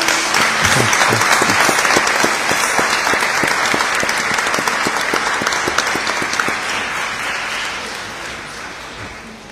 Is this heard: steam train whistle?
no